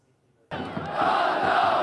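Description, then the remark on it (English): Football fans cheer in a stadium at a match in Aleppo, Syria, attended by at least 4,000 fans: after half a second of quiet, a dense, loud crowd roar erupts suddenly and swells louder, holding steady as a sustained wall of shouting voices. “The sound of football fans cheering is universal.”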